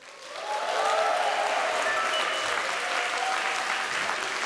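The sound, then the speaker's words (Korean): Steady audience applause at the end of a performance, welcoming the Chumbit dance troupe and the Sori Soeum friends: a dense wash of many hands clapping that swells in quickly and holds at a strong, even level for several seconds, with no speech over it. “끝까지 함께해 주셔서 감사드리며 큰 박수로 춤빛 무용단과 소리 소음 친구들을 맞이해 주세요.”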